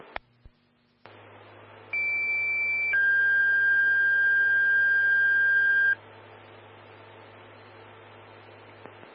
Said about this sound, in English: standby for tones on a fire alarm.